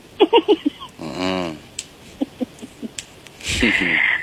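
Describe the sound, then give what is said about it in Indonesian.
A person snores: a short, rasping snore-like rumble rises briefly, followed later by a second harsher, noisier snort, with brief bursts of talking scattered between them. “Barusan ngorok.”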